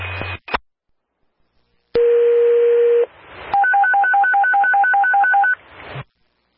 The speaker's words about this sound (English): Derby dispatch on the air with the United Radio Tone Test at 1900 hours. I have FD2 and EMS Car 2 on the schedule. Chief Duty Officers, please contact dispatch to confirm the tone test.